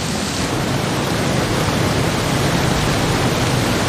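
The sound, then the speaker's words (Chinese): A steady, dense hiss of heavy rain from the arrival of the rainy season, ending a drought, pours down without pause, filling the whole clip evenly at a constant loud level, with no voices or other distinct sounds. “终于，雨季的来临让干旱得到了缓解，雨水滋润了干渴的大地。”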